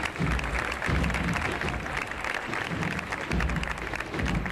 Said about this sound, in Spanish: Que ahí está recibiendo ya los aplausos del público congregado en esa zona de la confluencia de la calle San Miguel con la calle Corredera.